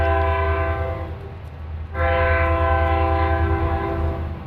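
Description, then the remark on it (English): A train horn blares in two long, loud blasts with a brief break between them, over the steady low rumble of the Rocky Mountaineer tourist passenger train rolling into the Quesnel train station in British Columbia. “After 20 years, the Rocky Mountaineer will no longer roll into the Quesnel train station.”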